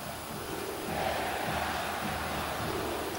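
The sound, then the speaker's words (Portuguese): A large football stadium crowd at the arena chants insults during a Grêmio match in a dense, continuous roar that swells slightly after the first second, then holds steady with no clear voices standing out. “Olha o som da arena.”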